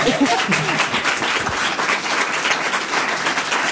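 A crowd breaks into sustained applause, a dense, steady wash of many hands clapping at once, holding an even loudness throughout with a brief voice or two mixed in at the start.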